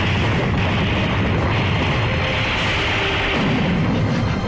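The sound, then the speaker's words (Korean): An artillery shell fired by an enemy tank explodes near soldiers lying prone in a valley. The blast is rendered as a loud, sustained roar of dense, rumbling noise with heavy low-end weight, holding steady for several seconds without separate sharp bangs. No voices. “포탄이 둥그리 엎드려 있는 부근에 떨어졌다.”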